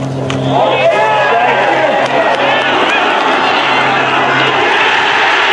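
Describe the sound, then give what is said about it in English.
A large golf crowd erupts in a sustained roar of cheering and shouting at Christy O'Connor's second shot, loud and dense for several seconds, with individual voices whooping over the swell. “Here's now the roar we heard Christy O'Connor on tape.”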